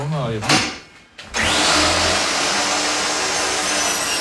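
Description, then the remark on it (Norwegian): A brief voice at the start, then a loud motor whines up to a steady, high-pitched roar like a power saw running and cutting continuously, operated by a 67-year-old man. “har fortsatt godt håndlag med saga, men sliter litt med å huske.”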